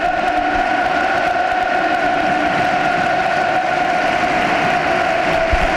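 A steady, loud football crowd roar at the Estadio Olímpico de Sevilla (La Cartuja), Andalusia, during Real Betis versus FC Porto, dense and continuous, with sustained tonal chanting or horn-like notes running through the din and no clear individual voices.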